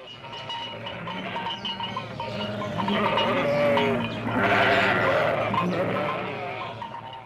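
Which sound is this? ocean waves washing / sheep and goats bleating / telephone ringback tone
sheep and goats bleating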